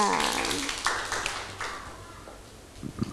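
A small group of children clap their hands in quick, uneven bursts, the claps thinning and fading toward the end, applauding at a teacher's request for a child who made a cake out of modeling clay.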